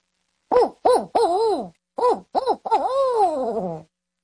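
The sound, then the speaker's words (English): A person imitates a barred owl, hooting a rhythmic series of throaty calls: quick paired hoots, a pause, then more hoots ending in a long, drawn-out descending note. Fairly loud. “Like the barred owl, I have to build us a lot of air to be able to do it.”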